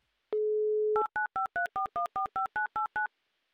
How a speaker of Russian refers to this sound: Не жду долго, набирая ваш номер телефона прямо сейчас. Ждите моего звонка.